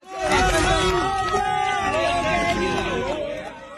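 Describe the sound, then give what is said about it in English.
A crowd of onlookers in Venezuela cheers and shouts together as emergency workers carry a man pulled from rubble out on a gurney, a dense, loud wall of overlapping voices that holds steady for a few seconds before easing off slightly at the end. “Onlookers cheer on as emergency workers carry the 21-year-old man out on a gurney.”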